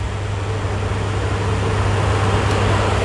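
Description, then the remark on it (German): An electric fan runs steadily, giving off a continuous airy whoosh over a low, even hum, with no change in level and no other sounds. “Ja, wer im Moment einen Ventilator zu Hause hat, behandelt ihn wahrscheinlich wie einen Familienangehörigen.”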